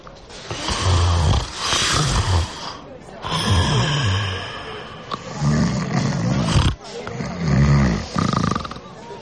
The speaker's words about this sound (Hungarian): már horkol.